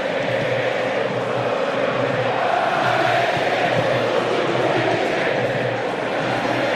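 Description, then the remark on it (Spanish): Angry Racing fans in the stadium at Avellaneda whistle and chant in protest as the first half of a football match ends, a dense, loud, unbroken roar with shrill whistles riding on top, holding steady for about seven seconds. “Escucha a la gente de Racing, enojadísima, ¿eh?”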